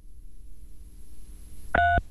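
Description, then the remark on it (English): A single short phone keypad tone from pressing 3 on a phone sounds loudly near the end for about a quarter second, slightly harsh and distorted, over a faint low background hum. “Hey, if you can hear us, press 3 on your phone.”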